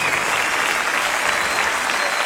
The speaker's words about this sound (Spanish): Fuerte aplauso acá.